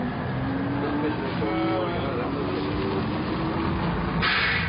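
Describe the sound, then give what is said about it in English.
A steady, rumbling bus engine drones throughout on a bus going to Midland City Hall, with a low hum and faint tonal whines drifting over it, and a brief brighter burst of noise near the end. “All right, step to the rear of the bus, please.”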